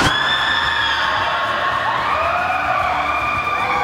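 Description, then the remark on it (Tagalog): A loud, continuous wash of crowd noise with children's shrieks and shouts rising above it, high-pitched voices sliding up and down over a steady low rumble, at a fair with rides. “Bata man o matanda, halos lahat ay minsan sumubok sa rides. Buti na lang, may isang taong sinisiguro na safe mong mai-enjoy ang pamamasyal sa perya.”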